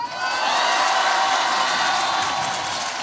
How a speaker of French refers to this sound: Exactement, devant un public acquis à sa cause, l'insoumis égrène ses mesures dans un tonnerre d'applaudissements.